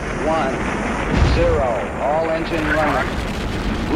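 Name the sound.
rocket launch roar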